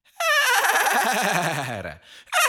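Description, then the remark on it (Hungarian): A horse neighs loudly from a stable: one long whinny that starts shrill and slides down into a quavering, shaking tone, followed by the start of another brief call. “A ló kinevet az istálóból.”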